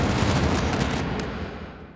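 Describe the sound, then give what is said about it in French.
A loud explosion roars with heavy low rumble and crackling noise, then slowly fades over about two seconds, with no voices present. “le corps du jeune homme s'auto-pulvérisa et s'éparpilla en dizaines de milliers d'étincelles, fusant ensuite vers les cieux comme aspiré par la lune qui venait d'atteindre son apogée.”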